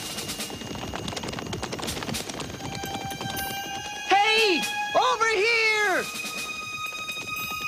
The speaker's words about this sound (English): Horses.